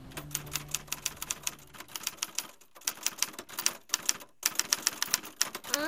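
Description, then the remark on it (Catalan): Rapid mechanical typewriter keystrokes clatter in uneven bursts with brief pauses between runs, crisp, with no voices. “Això, molt bé, una màquina d'escriure.”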